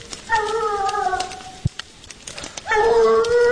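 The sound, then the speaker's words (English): A hunting dog on a mountain howls twice during an afternoon deer hunt, long drawn-out wavering cries separated by a brief pause, ringing out clearly in open outdoor air with a faint click between them. “we suddenly hear the sound of hunting dogs on the mountain.”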